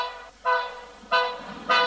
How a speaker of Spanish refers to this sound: Comenzó en esto a pitar el tren.